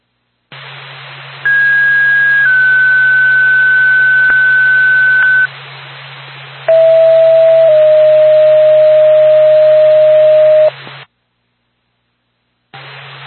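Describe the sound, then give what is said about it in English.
Radio dispatch alert tones paging Gilman EMS and Lancaster Ambulance: a steady higher two-tone sequence, then a lower two-tone sequence, each note held for a second or more over band-limited radio hiss and a low hum. “Star Pack to Gilman EMS, Lancaster Ambulance, stand by for tone.”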